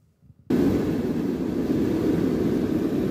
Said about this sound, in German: Und plötzlich ist es richtig laut im Flugzeug. Der Druck in der Kabine fällt ab, deshalb die Sauerstoffmasken.